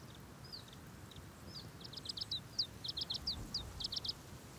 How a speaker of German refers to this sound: Der zierliche Zilpzalp ist jetzt hinter ihrem Nektar her. Um an die süße Flüssigkeit zu gelangen, muss er seinen schmalen Schnabel tief in die Blüte stecken.